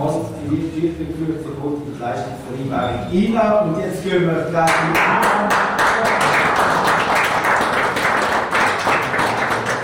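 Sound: spontaneous applause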